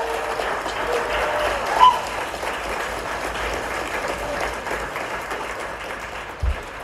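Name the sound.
enthusiastic clapping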